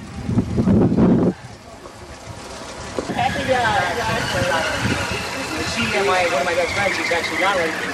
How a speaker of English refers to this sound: We got a car. We got a trolley from behind the street.